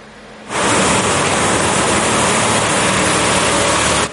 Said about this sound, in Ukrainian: Стільки виливають води на львівські вулиці, аби хоч трохи збити спеку. Водовозки виїжджають самісінького ранку і проходять по маршруту щогодини аж до заходу сонця.